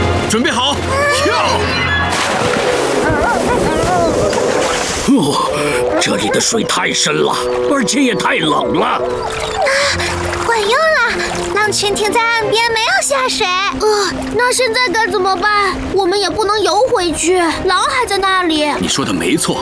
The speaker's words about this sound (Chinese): 啊，快跳进水里，灰狼肯定不会跟着跳下去的。